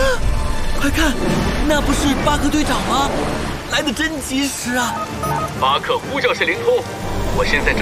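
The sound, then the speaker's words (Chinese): A steady hiss of heavy storm rain runs through the whole stretch, with animated voices talking over it and no clear lightning crack standing out, in an animated story where a porcupine named Pio drifts toward lightning in a never-ending storm. “遗憾的是，皮奥正跟着感觉走，直接飘向闪电了。”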